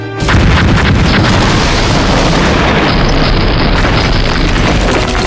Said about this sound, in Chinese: 几轮攻击过后，山下的炮声渐渐停了。